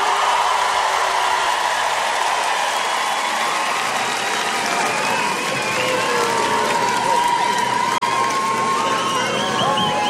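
A large festival crowd sings along loudly and steadily, a dense wall of many voices carrying a melody together, sustained and continuous with no pause.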